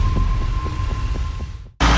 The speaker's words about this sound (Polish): Słyszysz? To niezwykły silnik.